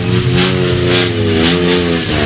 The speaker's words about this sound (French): La voiture qui fait du bruit là, c'est donc la numéro 7. Numéro 7 qui est une Peugeot 208 GT Line.